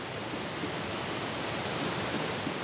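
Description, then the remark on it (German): Steady, dense rushing of water pours on without pause, a broad hiss spread evenly across the band. A mountain stream, the Rabis brook near Malé, runs with no voices over it, beside an old water-powered forge. “Sie macht sich die Wasserkraft zunutze.”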